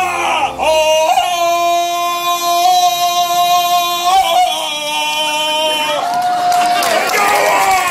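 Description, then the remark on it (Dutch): A male participant, dressed more like Fred Flintstone than Tarzan, lets out a long, loud Tarzan yell, a sustained wavering cry with yodel-like breaks in pitch, over a murmur of crowd noise in the background. “Heel veel deelnemers die sparen echt kosten nog moeite om eruit te zien als Tarzan. Niet alleen het schreeuwen”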